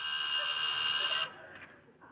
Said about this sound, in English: Oh, there's the telephone. Huh? The telephone, didn't you hear it? No, I didn't. Oh, there it goes again.